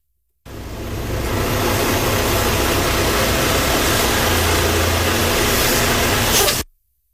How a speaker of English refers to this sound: They saw the garbage truck coming up the street, ran outside, and recorded the vehicle as it was pulling up to take our bins.